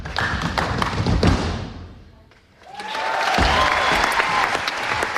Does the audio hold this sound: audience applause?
yes